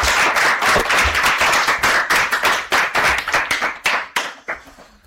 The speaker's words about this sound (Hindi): क्या बात है, तो बच्चों बजा दीजिए आखिरकार सुहाने की ताली।